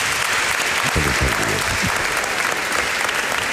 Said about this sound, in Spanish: pero si te han aplaudido espontáneamente antes de que entraras, a verás.